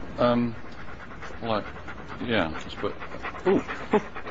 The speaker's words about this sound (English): Oh, hello. You're nice, aren't you? Yeah. Nice and bouncy and sort of... Yeah. What's it called? It's a dog.